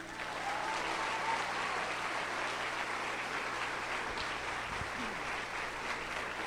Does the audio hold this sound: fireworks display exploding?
no